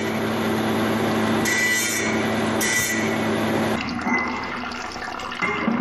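A jade cutting machine whirs steadily with a wet, water-cooled grinding hiss and two brief sharper surges of high-pitched cutting as the blade bites into jade. It is cutting away the unneeded parts of the jade along drawn lines to rough out a Tibetan antelope shape; no voices.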